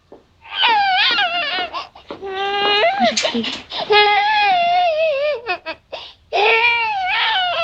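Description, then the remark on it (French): A baby cries loudly and almost without pause, in long wavering wails broken by short gasping breaths. “Vous refusez de reconnaître cette bébé de Madame Donneur?”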